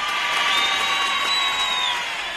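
A crowd claps and cheers in a steady, dense wash of applause, with a high whistle-like tone running through it for about two seconds before it starts to fade.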